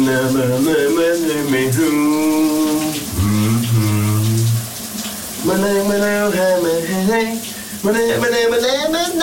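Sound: shower water running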